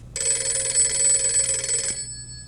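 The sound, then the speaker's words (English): A telephone bell in a family home rings loudly in the evening in one continuous, rattling burst for nearly two seconds, then cuts off, leaving a faint ringing tail and low hum. “Somebody get the phone.”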